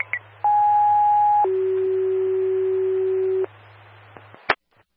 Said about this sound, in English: Copy, we'll tone out brush 4, break. Station 4, stand by for tones.